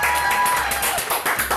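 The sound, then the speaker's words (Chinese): Rapid, steady hand clapping given as applause after tasting food, a quick run of sharp claps lasting a second or two, with a faint tonal sound briefly in the background at the start. “哦，请收下小弟一声鼓掌。”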